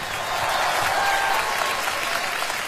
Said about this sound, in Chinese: 好，多谢多谢多 谢，掌声，几阵掌声 ，thank you，thank you。